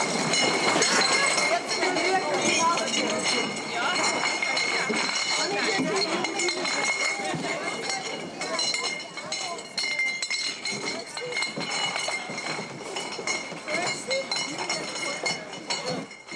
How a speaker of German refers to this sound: Mittwoch auf der Wiesen, in einem Bierzelt. Ein paar tausend Gläser müssen eingeräumt werden.